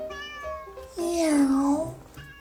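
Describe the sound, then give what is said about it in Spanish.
A cat lets out a long, drawn-out meow that rises and falls, fairly loud, after a few softer, shorter mews. “El gato oculto de Fred no se traga los cuentos sobre el Mayo y Rocha Moya y maulla que los gringos saben todo.”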